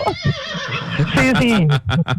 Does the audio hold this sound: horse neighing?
yes